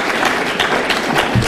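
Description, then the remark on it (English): A crowd claps steadily, a dense crackle of many hands that holds at an even loudness throughout the short stretch, with no one speaking. “And they're clapping for it.”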